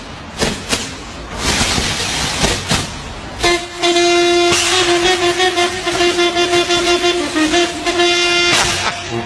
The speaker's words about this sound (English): It's a plastic bag and kazoos. That's it. It's actually not bad. Not bad.